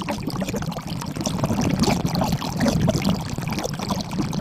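Steady splashing and pouring water in a hammam, a continuous busy wash of droplets and trickles with no voices, echoing slightly.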